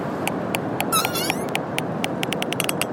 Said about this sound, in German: Und die Studie zeigt, die Wale erhöhen ebenfalls ihre Lautstärke bei Lärm. Und dann klingt ihre Stimme in etwa so.